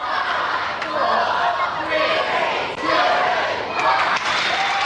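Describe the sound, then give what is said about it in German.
An excited crowd of children at a bookshop at midnight for the release of Harry Potter and the Goblet of Fire chatters and shouts all at once, a loud, unbroken wash of overlapping high voices with occasional squeals rising above the din. “Die Buchläden verlängerten ihre Öffnungszeiten und die Kinder waren ganz aus dem Häuschen.”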